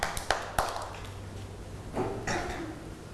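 A few sharp, evenly spaced claps ring out at the start, followed by softer bursts of scattered clapping from a small group of children in a roomy space.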